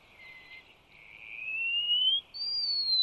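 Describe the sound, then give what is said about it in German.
A wallcreeper call: thin, drawn-out high whistles that climb slowly in pitch, with a brief break before a final higher note. Clear, with no other sounds. “Der Mauerläufer.”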